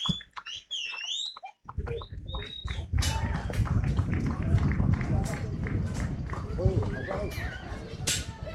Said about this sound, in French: on applaudit bien fort, s'il vous plaît. Merci beaucoup.